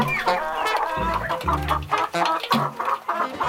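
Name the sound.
hens clucking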